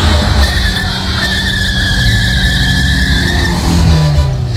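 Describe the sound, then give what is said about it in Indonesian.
A motorbike skids past while someone is crossing a street, its tires letting out a long, steady squeal over a loud, rumbling engine that carries on for several seconds, with no voices. “Wan, buset deh, mau motor lewat mata lo.”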